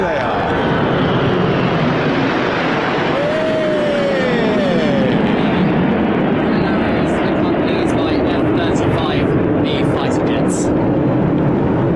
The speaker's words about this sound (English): So nine red arrows there, finishing off the grand finale of that flypast by the RAF.